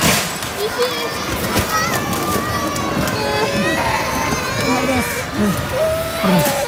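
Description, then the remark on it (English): A chaotic din inside a retail warehouse in Kumamoto, Japan, during a magnitude 7.1 earthquake: items clatter and crash as they fall off shelves, with children's high-pitched cries and agitated voices overlapping throughout, loud and continuous with sharp impacts scattered across the scene. “The sound of items falling off shelves and children crying inside a retail warehouse.”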